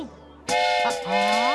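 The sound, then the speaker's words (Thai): Bright, sustained whistle-like tooting starts abruptly and holds for about a second, layered and harmonic like several young voices imitating a train whistle together, fairly loud, as everyone walks in a line like a train. “ฟาฟากำลังทำอะไรเหรอจ๊ะ นี่ครับรถไฟ”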